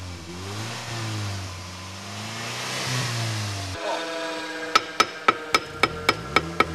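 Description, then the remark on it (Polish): An engine revs up and down steadily for several seconds, then a series of sharp metallic hammer strikes rings out in an irregular rhythm over a lower mechanical hum in a busy car repair workshop, crowded with drivers before holiday trips. “Przed wakacyjnymi wyjazdami warsztaty samochodowe przeżywają prawdziwe oblężenie.”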